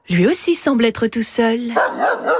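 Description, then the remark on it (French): A dog approaching the listeners barks a few times in short bursts while a person keeps talking over the barking. “Oui, un chien qui s'approche de nous.”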